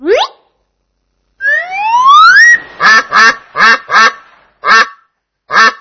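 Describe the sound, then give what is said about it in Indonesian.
A duck quacks loudly: a quick rising squawk, then a long upward call followed by a rapid run of nasal quacks and two more spaced-out quacks. No one speaks. “Itu suara bebek.”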